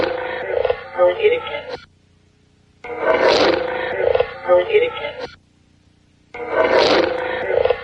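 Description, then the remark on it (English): A rough, rasping growl, an anomalous EVP in a recording, plays three times, each burst lasting about two seconds and separated by short silent gaps. The rumbling, voice-like texture stays fairly loud throughout. “Again, with a little of the low end missing, it's a little harder to tell about the growling, but some kind of deeper noise, obviously, and then it sounds like a female voice, but I don't know what it's saying.”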